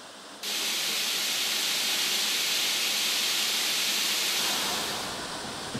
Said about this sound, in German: Die Türen werden bei diesem Test auf Dichtigkeit geprüft. Dazu fährt der komplette Zug durch ein Tor aus Wasserrohren. Mit hohem Druck werden 2000 Liter pro Minute auf die Türen gesprüht.